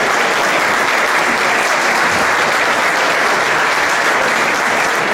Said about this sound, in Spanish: Un aplauso.